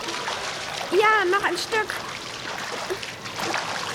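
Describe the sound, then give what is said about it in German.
Steady splashing and sloshing of pool water as a child swims, trying to swim a bit farther, a continuous wet churning, briefly overlapped by a voice speaking. “Jetzt versuch mal, noch ein Stück weiter zu schwimmen,”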